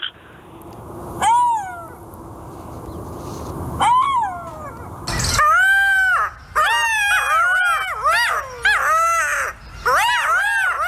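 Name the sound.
golden jackal calls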